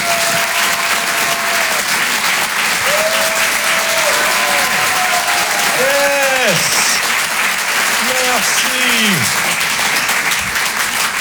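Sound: audience applause and cheering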